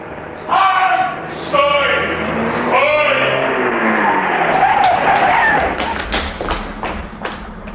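Tires squeal in a long, wavering screech as a car brakes hard and skids to a stop, followed by a few sharp thuds and clicks as the noise dies down.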